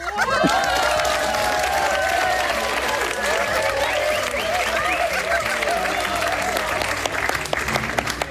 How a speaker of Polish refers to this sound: Mama zgadła, tak jest, no to dla mamy oklaski.